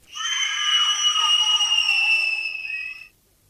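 Children shriek in one long, high-pitched scream that holds steady for about three seconds before cutting off, a little removed from the listener, with no talking.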